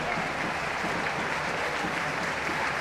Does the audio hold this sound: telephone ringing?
no